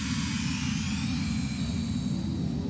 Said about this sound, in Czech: Zanedlouho uslyšela želva hrom.